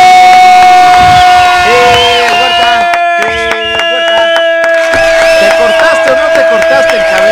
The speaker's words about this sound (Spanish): Un aplauso.